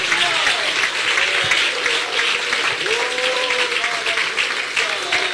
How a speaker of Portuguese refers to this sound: Vem, meu filho, vem, vem. Olha lá, está vindo. Pode aplaudir Jesus, ô glória!